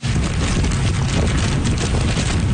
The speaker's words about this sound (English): That's how the storm sounded in Keelung on the northern tip of the island. Heavy rain along with wicked winds of 144 kilometers an hour, gusting to nearly 200.